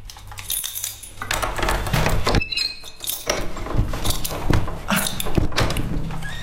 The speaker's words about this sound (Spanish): Va fatal la puerta.